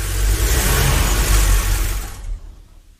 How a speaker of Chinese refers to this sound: 一天，我正在家里无聊时，听见一辆汽车停到了楼下。